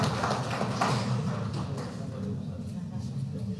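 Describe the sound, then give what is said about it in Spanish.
An audience applauds the mayor of the municipality of Sicaya with a steady crackle of many overlapping claps, strongest at the start and easing slightly as it carries on, with a low murmur of crowd noise underneath. “Un fuerte aplauso una vez más, por favor, les ruego, para nuestro hermano alcalde del municipio de Sicaya.”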